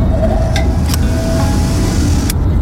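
Factory machinery runs with a steady, dense low rumble and hiss, a faint mid-pitched whine riding through it and a few sharp metallic clicks breaking in briefly. No one speaks.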